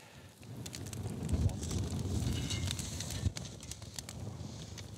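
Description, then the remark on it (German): Oysters topped with bacon, red onion, grated cheese and thyme grill for a few minutes over an open fire outdoors, a steady sizzle with scattered sharp crackles and pops, backed by a low rumbling hiss of flames that continues throughout. “Und schließlich ein paar Minuten aufs Feuer.”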